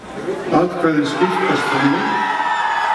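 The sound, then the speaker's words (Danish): Opponents of a government proposal to continue EU talks cheer and shout at night as a referendum result in Iceland turns toward no, with several raised voices whooping over a steady, dense roar of many people that holds for the full three seconds. “Og da det i nat begyndte at ligne et nej, var der naturligvis jubel blandt modstanderne af forslaget.”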